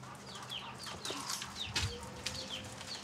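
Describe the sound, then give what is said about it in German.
Chickens that have escaped from the coop on a small farm cluck in short, repeated bursts over a steady background hum, with several birds overlapping at moderate loudness and no one speaking. “Die Hühner gehören dem Besitzer der Farm.”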